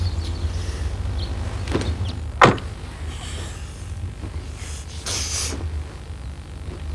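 At night, a woman shifts and settles into a parked car over a steady low rumble, then a single solid thump of the car door shutting, followed a few seconds later by a brief rustle.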